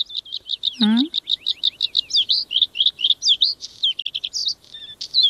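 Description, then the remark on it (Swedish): A bluethroat sings loud: rapid repeated chirps and ringing notes, varied trills and twangy phrases in a continuous stream, with a brief low upslurred note early on. “Ja, jag gillar blåhaken till exempel. Det är en väldigt vacker sång, brukar även kallas förr i tiden för fjällens näktergal, så att den är ju känd för att kunna sjunga vackert.”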